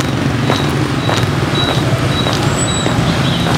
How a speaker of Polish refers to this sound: Mimo późnej godziny miasto żyje, a nawet tętni życiem. Masy skuterów przelewają się przez ulicę, a czerwone lampy samochodów odznaczają się od świateł zapalonych w oknach nieskończenie piętrzących się wieżowców.